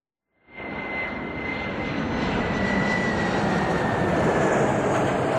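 A loud airplane landing in Moscow late in the evening of 1 August 2024, carrying former prisoners from Europe and the USA: a steady, dense engine roar kicks in after a brief silence and holds, with a thin high whine running through it. No voices.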